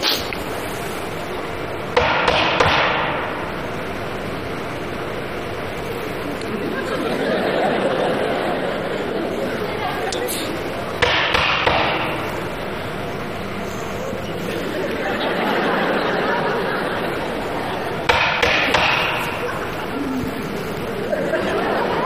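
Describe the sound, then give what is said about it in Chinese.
Knocking on a door, performed as part of a comic act to call at the door, comes in three separate bursts of quick, sharp raps, spread several seconds apart, with a low murmur of a crowd and occasional chuckles in between. “你这不敲门的吗？”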